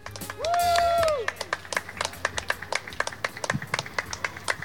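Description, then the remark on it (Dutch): Light, scattered clapping from a small crowd greeting the arrival of tram 19 to TU Delft, a steady patter of individual claps lasting several seconds, preceded by a brief sustained tone at the start. “Ja, ik vind het een bescheiden applausje.”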